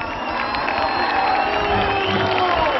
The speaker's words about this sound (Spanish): Amigos, fuerte el aplauso